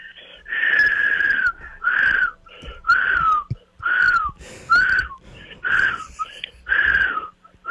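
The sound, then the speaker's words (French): A person whistles a tune as a whistling test for the show Occupation Double Édition RPA, with a run of repeated, slightly wavering phrases in a steady rhythm. The tone is breathy and airy, with short pauses between notes. “C'est du sifflage de haute catégorie.”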